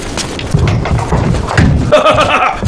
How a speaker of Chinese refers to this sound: 听这脚步声，定是大获全胜了。